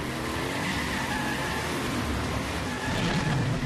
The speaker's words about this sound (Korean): 그렇게 나오신다면 슈퍼치타 트럭 전속력으로!